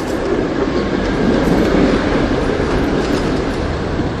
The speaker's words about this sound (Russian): А потом мы сели в поезд и поехали.